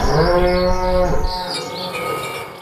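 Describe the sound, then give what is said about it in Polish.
A single long cow moo, loud and low-pitched with strong harmonics, sliding slightly as it fades after about a second, followed by faint bird chirps in the background. “I ten dźwięk byście usłyszeli. I od razu wiedzielibyście, że to jedyny w swoim rodzaju serek z krówką.”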